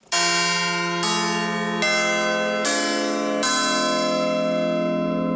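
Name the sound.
church bells ringing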